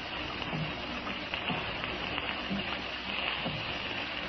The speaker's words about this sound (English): It made a mournful sound against the window panes. I was ashamed to find that I, too, was allowing my imagination to get better of me. I could actually believe that the rain was a million fingers tapping on the panes.